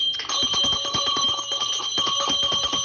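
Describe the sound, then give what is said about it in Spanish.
A bell rings loudly and continuously as a call to listen to the word, with rapid metallic strikes in a fast, steady rhythm that fill the whole moment, with no voices. “No se duerman con la campana que llama a la escucha de la palabra, especialmente en este mes de la Biblia, que esta campana nos recuerda que Dios sigue hablando.”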